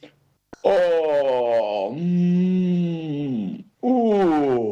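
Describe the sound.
A voice imitates a bear's long, drawn-out groan as the bear wakes in spring and stretches an arm or paw and swings its head, a loud, sliding moan lasting a few seconds, then a second groan begins after a brief pause.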